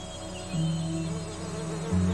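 Honeybees kept by beekeepers in Altay buzz steadily with a continuous drone that swells louder twice as bees pass. No voices are heard.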